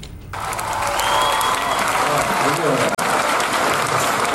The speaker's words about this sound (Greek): Εσείς χειροκροτάτε.